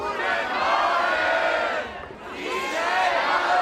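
A large audience at the Präminale festival, recorded the previous evening at the Bremen 1 evening, cheers and shouts in a loud, sustained roar of many voices, dipping briefly midway before swelling again with whoops and yells.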